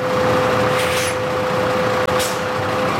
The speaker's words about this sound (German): Das Stichwort Methan führt uns nach Wien-Simmering, zur Biogasanlage der Stadt Wien. Eben fährt ein Müll-LKW auf die Waage, denn hier wird alles, das hinein und hinausgeht, genau erfasst.